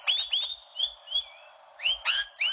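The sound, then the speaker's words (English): Rainbow lorikeet calls: a quick run of shrill, high-pitched screeches in irregular bursts, loud, with no talking. “The rainbow lorikeets, unlike other parrots, they mainly feed on nectar”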